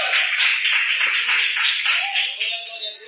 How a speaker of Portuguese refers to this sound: Pode se assentar, exaltando o Senhor com as palmas. E o Senhor, glória a Deus. Palmas e aleluia, com gozo, com alegria do Espírito Santo. Aleluia.